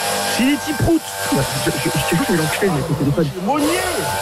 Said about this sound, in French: mon voisin, il fait des travaux.